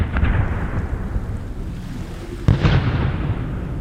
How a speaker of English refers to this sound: There was a huge explosion of gunpowder and the whole ship went up.